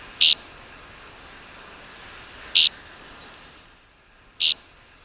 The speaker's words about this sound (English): We birders mostly find tixisils by their distinctive flight call, which is invariably described as flatulent. You be the judge.